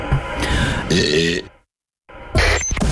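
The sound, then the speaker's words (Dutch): A modest, throaty burp from a well-known Dutch person rumbles out, followed by a brief silence and then another short guttural belch-like sound. “Dit is de boer van een BN'er.”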